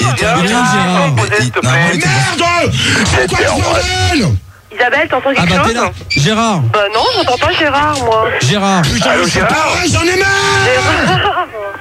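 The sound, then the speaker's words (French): A man bellows loudly, his raised voice nearly continuous for about twelve seconds with one brief pause midway, other voices mingling in the background. “Arrête de gueuler comme ça.”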